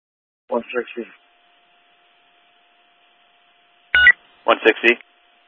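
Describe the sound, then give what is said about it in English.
Short bursts of telephone dialing tones, as a partner comes on the phone, come in two quick clusters separated by a pause, with a sharp click before the second group. They sound thin and slightly distorted, as if over a radio. “Standby, partner's on the phone.”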